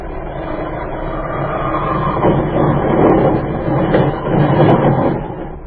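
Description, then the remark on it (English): A plane crash-landing on an airfield: a loud, continuous rumble with heavy rattling and jolting that builds and swells in surges over several seconds, harsh, with no voices. “Hang on. We're going to hit.”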